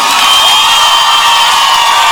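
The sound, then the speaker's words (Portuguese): A large crowd in Brazil, called on to make noise, cheers and shouts continuously, a dense, loud roar of many voices with scattered high whoops, steady throughout without a break. “Brasil, faz barulho!”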